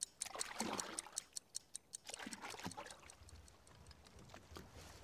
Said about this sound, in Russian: Из-под моста выплывают резиновые лодки. Гребцы – немецкие солдаты. Немецкие лодки плывут к берегу под крепостью.